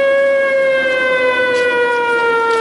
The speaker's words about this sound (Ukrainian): Під час зйомки лунає тривога.